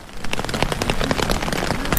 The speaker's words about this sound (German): Regen, Leute, das Geräusch habe ich lange nicht gehört.